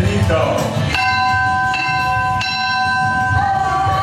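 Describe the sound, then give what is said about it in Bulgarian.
A church bell rings out in several strikes about a second apart, each ringing tone hanging and overlapping the next, over a low rumble of outdoor background noise; the bell marks the end of the season. “В тази камбана идва и краят на сезона.”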